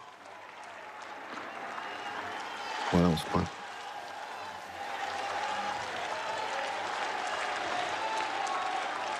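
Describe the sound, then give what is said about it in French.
An outdoor crowd on the square in front of a cathedral cheers and applauds steadily in sunshine as the Pope greets those who followed the Vespers prayer outside, a broad wash of clapping and shouting, with a reporter's voice talking briefly over it. “Vous entendez peut-être les cris d'acclamation.”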